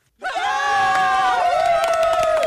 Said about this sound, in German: Dieser Applaus hier, ne? Der gilt allen, die freiwillig irgendwo mitarbeiten, zum Beispiel bei der Feuerwehr oder in Vereinen oder bei der Kirche.